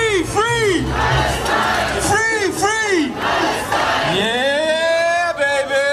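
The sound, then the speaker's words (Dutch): A protest crowd of a few hundred people at a Eurovision Song Protest on Maria Theresiaplatz in Vienna, under gathering dark clouds, shouts in unison, voices rising and falling in short, rhythmic bursts of chanting, then swelling into one long, sustained shout. The crowd is loud and steady throughout. “Maar desondanks zijn een paar honderd man bij elkaar gekomen voor dit Eurovisie Song Protest.”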